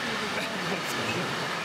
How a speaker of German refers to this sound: Ganz schön laut hier am Bahnhof Baden-Baden.